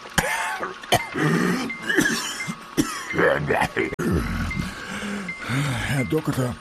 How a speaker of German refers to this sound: Herr Doktor, ich flehe Sie an. Helfen Sie mir gegen diesen furchtbaren Husten.